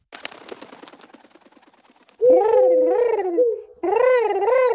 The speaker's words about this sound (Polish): Skąd gołąb skrzata Anzelman miałby się tutaj pojawić? Jak to skąd? Z bibliotecznej krainy. Już wiele razy Anzelm go do nas wysyłał.